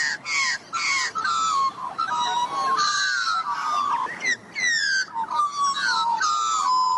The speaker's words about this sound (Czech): Tak, holky, kluci, kdo to k nám přišel na návštěvu? Je to sice těžké, ale pozor, 3, 2, 1, Klokan. Výborně.